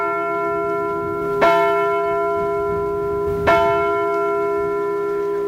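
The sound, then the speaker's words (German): A church bell strikes the hour with slow, evenly spaced blows about two seconds apart, each stroke ringing out and leaving a long, resonant hum that sustains between strikes. No voices. “Die Glocken haben den Tag begleitet und mit der Anzahl ihrer Schläge die Zeit angesagt.”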